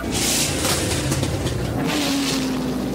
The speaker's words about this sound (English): It's time now for the takeoff, and Wilbur says, here's now or never. They're strapping Orville into the pilot's seat, and he's screaming something. They're cranking up the engine.